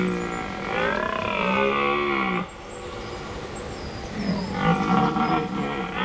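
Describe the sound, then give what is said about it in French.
A red deer stag (Cervus elaphus) bellows twice at night in a forest, long deep groaning roars with a wavering, rich harmonic tone, the first lasting about two seconds and the second rising again after a brief pause, with no talking. “J'y suis, c'est le cerf élaf. Le cervus élaphus en latin.”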